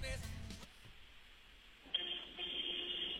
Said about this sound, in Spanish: Tienes tu claxon a la mano, supongo. Sí, de hecho, ando aquí en el tráfico todavía. Muy bien, acerca el teléfono a tu claxon y hazle así, oye.